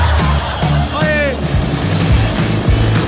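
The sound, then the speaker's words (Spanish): A helicopter arrives overhead early in the morning, its loud rotor thumping in a steady low rhythm over broad engine noise, with a brief voice cutting through. “Traté de sacármela, pero me dijeron, te vamos a mandar hasta el helicóptero de los búfalos. Mira, de hecho, ya llegó, ya mira.”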